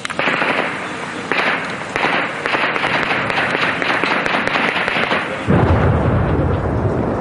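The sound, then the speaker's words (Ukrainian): Russian artillery shells burst 100–200 metres away in a rapid, crackling series of loud blasts, ending in a heavier, deep rumbling boom. No one speaks. “То російські снаряди лягають і розриваються за 100-200 метрів від нас.”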